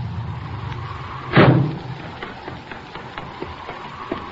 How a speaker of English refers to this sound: Hey, listen. Here comes a car.